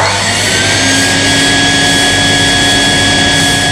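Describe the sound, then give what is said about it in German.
A neighbour's vacuum cleaner runs continuously shortly after 7 in the morning, a loud, steady roar with a constant high whine layered over it, unchanging throughout with no voices. “Ja, das kann nervig sein, müsst ihr aber auch ein bisschen verstehen, weil wann soll man denn sonst heute staubsaugen? Später ist es dann viel zu heiß dafür. Deshalb schnell weitersaugen.”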